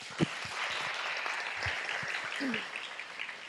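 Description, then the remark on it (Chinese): A crowd applauds steadily and warmly to welcome the abbot of the head temple to give an encouraging talk, a dense wash of many hands clapping at an even level, with a few low thumps and faint voices scattered underneath. “接下来呢，我们再热烈的掌声来欢迎我们总本山住持圆心法师来为我们一个鼓励开示。”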